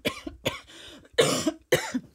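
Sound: coughing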